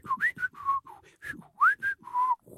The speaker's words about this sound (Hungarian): Jött is pöfögve egy kis teherautó, a sofőr vidáman fütyürészett.